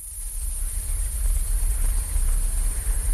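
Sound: frogs croaking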